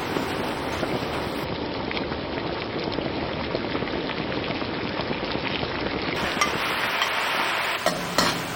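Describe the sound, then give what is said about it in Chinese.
A dense, steady bubbling and sizzling fills the whole stretch as pan-fried mandarin fish is added to a pan of sauce made with diced garlic, dried chilies and fresh-ground local water chili. It stays loud, with no talking and a brief dip near the end. “把煎好的鱼放进来，”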